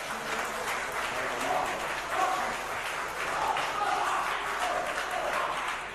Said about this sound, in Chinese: 感谢您的掌声， 谢谢大家。